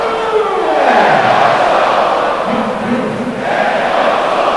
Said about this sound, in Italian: Roma 3 Fiorentina 0. È una festa del gol stasera allo Stadio Olimpico, solo due volte prima di questa la Roma aveva segnato tre gol nel primo tempo di una partita, e quindi ci uniamo a questa festa e ci ascoltiamo l'urlo dello Stadio Olimpico.